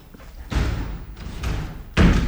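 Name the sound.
door slamming shut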